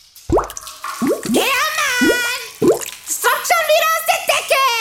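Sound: water dripping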